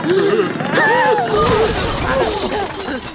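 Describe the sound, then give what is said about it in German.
A shelf standing against the outside wall of a barn topples and the flower pots on top fall to the ground and shatter, a loud crash of breaking clay and clattering shards, while several excited voices shout and chatter throughout. “Das ganze Regal, das außen an der Scheunenwand steht, fällt um. Und die Blumentöpfe, die oben drauf stehen, fallen zu Boden und zerbrechen.”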